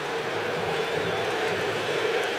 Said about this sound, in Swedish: Vi hör vad publiken tyckte, de tycker att Brasilien skulle ha haft frispark.